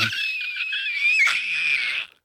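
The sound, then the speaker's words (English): A person, testing their voice, lets out one loud, shrill scream as hard as they can. It is held at full strain for about two seconds before it abruptly cuts off into silence. “Is that you trying to scream as hard as you can?”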